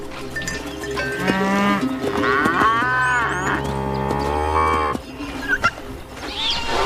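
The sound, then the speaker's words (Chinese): A herd of cattle moos loudly and almost continuously, several long, drawn-out bellows overlapping one another, in a reserve crowded with thousands of goats, cattle and camels, with no one speaking. “成千上万的山羊、牛和骆驼挤满了保护区”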